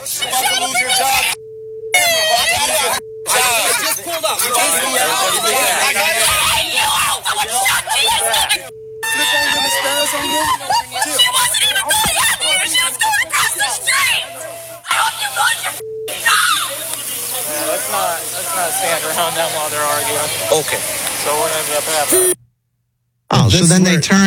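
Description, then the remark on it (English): A crowd of voices shouts and yells at police officers over one another without letup, with a steady electronic tone humming beneath and several brief cutouts where the sound drops away. “So when everyone's yelling at the cops, you hear all of that.”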